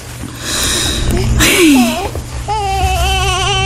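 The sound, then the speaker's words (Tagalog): A baby cries in short wavering wails, the strongest burst coming toward the end, over a steady low background hum with some faint voice-like sounds earlier on. “Bakit naman umiiyak po yung baby?”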